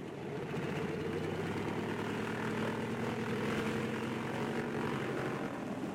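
Seaplane engines roar steadily at full throttle as the plane skims across the calm waters of a bay to take off at night, a dense droning propeller hum with layered harmonics that holds loud and constant throughout, with no voices.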